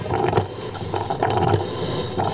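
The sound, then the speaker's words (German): A personal coffee machine brewing: a steady, loud mechanical whir over a low hum, with rattling pulses recurring roughly every half second and no voices. “Riecht ja auch angenehm noch Kaffee, bei Ihnen zu Hause vielleicht auch, aber das hier ist meine Kaffeemaschine.”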